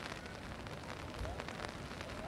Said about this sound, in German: wir hören es gerade, es regnet